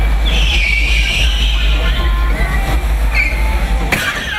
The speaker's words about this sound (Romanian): La eveniment a avut loc și o simulare de accident.